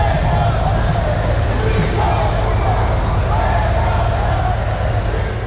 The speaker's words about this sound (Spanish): Pedro Sánchez ha sido recibido con insultos y abucheos a su llegada al desfile.